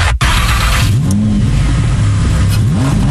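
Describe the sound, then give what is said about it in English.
A loud Lamborghini sports car engine, belonging to a driver from Staten Island, revs hard, its deep growl rising and falling in pitch a couple of times with a continuous throaty rumble underneath. “That is not just the sound of a luxury Lamborghini's engine revving.”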